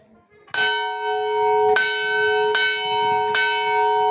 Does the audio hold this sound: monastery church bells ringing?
yes